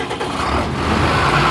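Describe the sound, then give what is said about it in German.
A tractor engine runs steadily and loudly during a grain harvest, a continuous low rumble with a gritty mechanical drone that slightly builds in strength, with no voices. “Ob Paul auf seinem Trecker beim Getreideernten”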